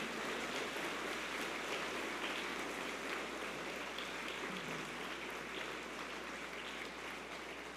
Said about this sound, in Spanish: Le brindamos un fuerte aplauso al Sagrado Corazón de Jesús.